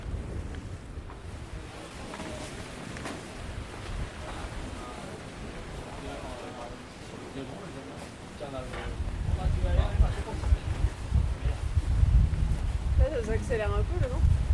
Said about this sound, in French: Ça accélère un peu le vent. Ouais. Ah ça va rentrer tout le monde là, c'est bien. De toute façon dès qu'on va vers le Finistère, il y a plus de vent.